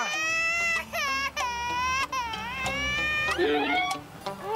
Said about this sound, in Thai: โอ๊ยแม่ทำไมปล่อยให้ลูกร้องอย่างนี้